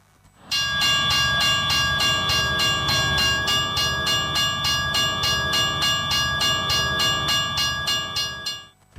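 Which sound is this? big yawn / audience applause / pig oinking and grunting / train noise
train noise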